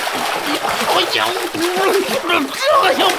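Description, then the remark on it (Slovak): A loud splash as someone jumps into cold water, followed by continuous sloshing and churning for a few seconds, with a person's voice exclaiming over the watery noise. “A skočil do vody.”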